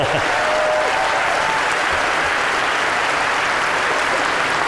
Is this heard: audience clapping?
yes